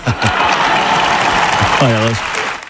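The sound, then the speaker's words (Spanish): A large crowd in parliament gives a loud, continuous standing ovation, prompted by Zapatero for Cerdán, the dense clapping filling the whole stretch, with a brief voice calling out over it near the end. “O esta ovación que impulsó Zapatero a Cerdán cuando ya le rodeaban las sospechas de corrupción.”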